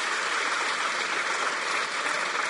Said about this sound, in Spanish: Va, otro aplauso para que se terminen de animar.